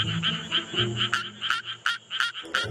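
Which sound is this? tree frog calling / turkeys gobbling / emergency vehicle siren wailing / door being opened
tree frog calling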